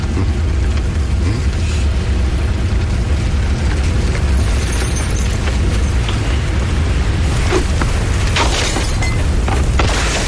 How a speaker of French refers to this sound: Il y a une explosion.